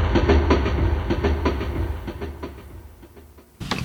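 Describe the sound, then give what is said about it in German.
A train travelling from Berlin to Amsterdam rolls along the rails with a steady, rhythmic clickety-clack, heavy low rumble underneath, gradually easing off before a brief louder burst near the end. No voices. “Da hörten wir doch den Zug, der von Berlin nach Amsterdam fuhr”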